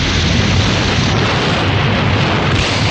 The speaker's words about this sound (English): The explosion rocks the clinic and lab.